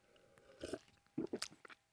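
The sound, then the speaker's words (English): An exaggerated slurp of coffee on radio, with wet mouth noises in a few short bursts, the loudest near the end, and no talking. “Complete with exaggerated radio slurp, of course.”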